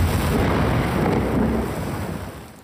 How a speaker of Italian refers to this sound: Pioggia anche in Veneto, qui il cielo plumbeo e gli scrosci d'acqua su Padova.